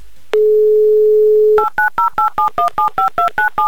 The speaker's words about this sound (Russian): Итак, звоню вам, набираю ваш номер телефона.